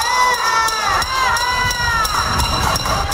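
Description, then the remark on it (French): Protesters in Havana bang on pots and pans over power cuts in a steady, rapid clatter, the metal ringing in bright sustained tones over the continuous roar of a shouting crowd. “Des résidents de La Havane manifestent en tapant sur des casseroles en raison des coupures de courant.”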